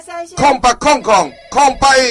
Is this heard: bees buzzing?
no